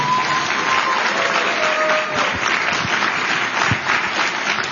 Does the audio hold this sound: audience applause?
yes